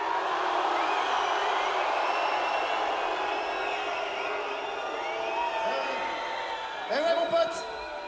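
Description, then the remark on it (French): A large Breton concert audience roars and sings together in a steady, dense wash of voices, with a brief burst of whoops and whistles near the end. “And them crowds were a lot louder than that.”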